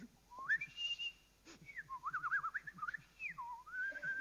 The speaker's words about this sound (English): Try whistling it once more.